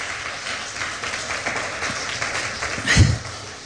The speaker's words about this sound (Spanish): Ese fuerte aplauso al Señor.